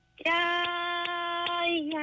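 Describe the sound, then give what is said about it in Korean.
Two wooden spoons, held and shaken in one hand, clack together in a steady beat to keep rhythm, four or so sharp knocks spaced evenly apart, played over a phone beneath a loud, sustained melodic tone that holds throughout. “이 손에다가 이제 약간 나무로 된 그 숟가락 네. 두 개를 이렇게 네. 딱 해가지고 한 손으로 흔들고”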